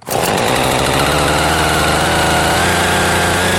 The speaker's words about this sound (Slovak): Kúpeľným parkom, ktorý býva oázou pokoja a spevu vtákov, sa dnes ozýval zvuk pílí. Tá sa postupne zarezávala do prvých stromov,